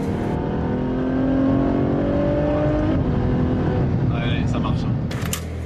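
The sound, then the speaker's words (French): A Novitec-tuned Ferrari F12 Berlinetta N-Largo V12 roars loudly through its large exhaust at the 500 Ferrari contre le cancer event, its pitch rising and falling in sweeping waves before shifting to a rougher growl, with a few brief high squeals near the end. “Elle s'appelle N-Largo, et parce qu'elle a les ailes plus larges, du carbone, des jantes changées, on aime ou on n'aime pas, mais il y a surtout un énorme échappement qui fait hurler son V12.”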